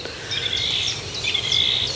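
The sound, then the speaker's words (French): An unseen thrush sings a run of bright, varied whistled phrases over a faint low rumble of outdoor background noise, with no one talking. “Cette grive, là, qui... qu'on n'a pas vue, mais qu'on entend.”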